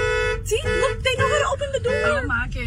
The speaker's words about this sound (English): Oh my God, the car. Beep, beep, beep, beep.